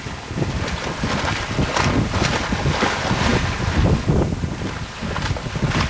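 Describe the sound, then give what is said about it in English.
A male seal blowing and snorting through its snout into the water, a continuous rough bubbling rush with gusty surges, steady, over wind and surf noise. “Blowing his snout in the water.”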